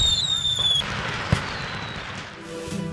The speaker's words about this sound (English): And the grand finale at 10 p.m. The annual July 4th fireworks display at the Gregory Airport.